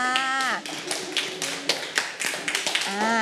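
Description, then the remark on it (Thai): A group of children in a class breaks into a short burst of uneven, scattered clapping for a classmate who answered the teacher's question, lasting a few seconds, with the adult teacher's voice speaking just before and just after it. “เพื่อนบอกว่าอยู่ในจังหวัดสุราษฎร์ธานีปรบมือให้เพื่อนด้วยค่ะ”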